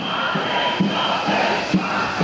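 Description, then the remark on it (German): Thousands of health-care workers from across Germany chant in unison outdoors at a protest on the Platz der Menschenrechte in Hannover, a dense wash of many voices with rhythmic shouted accents rising roughly every half second to second, steady and loud throughout. “Wagen stoppen, schallt es mitten in Hannover über den Platz der Menschenrechte. Tausende Menschen sind gekommen.”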